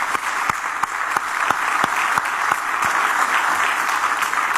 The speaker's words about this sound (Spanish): Acompañar a nuestros jóvenes a que cumplan sus sueños nos llena de satisfacción porque ellos se lo merecen. Por eso seguiremos apoyándolos. Un aplauso para ellos.